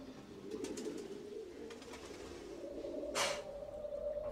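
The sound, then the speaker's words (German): Pigeons coo in a low, throaty, continuous murmur, with a brief rustling burst partway through; no one speaks. “Wenn es regnet, dann fallen die Decken runter und dann sind die Tauben auch wieder da.”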